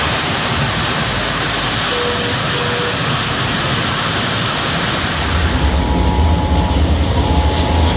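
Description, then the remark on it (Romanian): A loud, steady roar of floodwater rushing through the streets of Sibiu, Romania, after heavy rain overwhelmed the sewers, a dense wash of noise with no voices, shifting to a deeper, heavier rumble toward the end. “La Sibiu, canalizarea nu a făcut față cantității mari de apă care a căzut în scurt timp, așa că străzile au devenit pâraie.”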